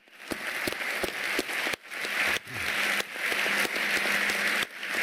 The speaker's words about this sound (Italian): e vedi qua Buras, aveva appena vinto l'oro Nagano, e il grande applauso a Finn Kristallhage, che anche lui ci ha lasciato pochi anni fa.